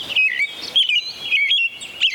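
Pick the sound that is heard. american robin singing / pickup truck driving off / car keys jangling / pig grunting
american robin singing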